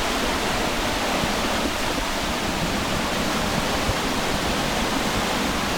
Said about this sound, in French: Alors si on va un peu plus loin, il y a un saut, une cascade, enfin une sorte de... Ouais. C'est super beau.